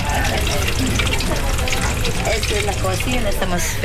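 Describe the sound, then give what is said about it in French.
Eggs frying in a pan in the kitchen of a small floating restaurant on the Amazon River, a steady, loud sizzling hiss with dense crackles and pops that continues throughout, with faint voices murmuring underneath. “Je suis en train de faire frire des œufs.”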